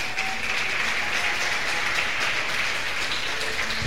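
A crowd applauds steadily, a dense, even wash of many hands clapping at a constant loudness for several seconds, with no voices standing out. The audience at a church sermon applauds for Christ.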